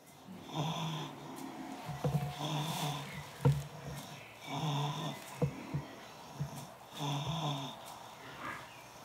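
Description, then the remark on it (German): Steady, rhythmic snoring from someone asleep, about four rasping breaths with short gaps between them, each a rough, throaty rumble with soft snorting clicks. No one speaks. “Er ist gut am Schlafen, wie man hört.”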